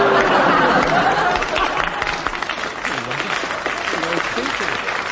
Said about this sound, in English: The only applause I've ever resented.